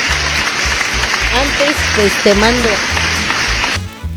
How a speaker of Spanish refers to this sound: Ahí fuertes y calurosos aplausos.